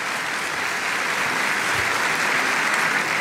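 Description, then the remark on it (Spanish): A church audience gives steady, dense welcome applause for those watching live around the world, a continuous wash of many hands clapping at an even, fairly loud level with no voices standing out. “Un aplauso también para ustedes de bienvenida, santos hermanos.”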